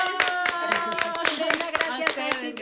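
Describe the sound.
An audience applauds with a dense, irregular burst of clapping, fairly loud and steady for a few seconds, while voices call out over it.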